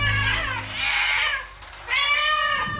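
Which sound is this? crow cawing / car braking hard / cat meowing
cat meowing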